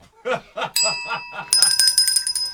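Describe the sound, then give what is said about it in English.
A small hand bell rings to buzz in during a spelling contest, first a quick ding, then a louder, bright ring that lingers, following a few short laugh-like vocal bursts. “I wrote my bell.”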